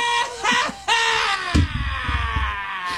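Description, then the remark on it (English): A loud, harsh buzzer sound effect, set off by a button on a show, blares for about three seconds, its dense, raspy tone wavering and then sagging slightly lower in pitch after a brief thump, with no one talking. “That's basically a buzzer for Buddy to come down here and, like, pull out the machine and just say no.”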